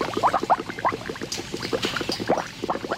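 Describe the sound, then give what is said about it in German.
Maggi liquid seasoning bubbling steadily in kettles, with a dense run of irregular gurgling pops and blips, continuous for the whole stretch and no voices. “Bis die Maggi-Würze in den Kesseln blubbert.”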